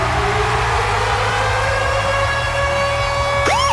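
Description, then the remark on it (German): Virgin Radio's Ticket Alarm siren jingle: a loud, steady wailing siren tone holds over rumbling low noise, then a rising and falling sweep cuts in at the end. No one speaks. “Immer dann, wenn unser Virgin Radio Ticket Alarm abgeht, dann steht an.”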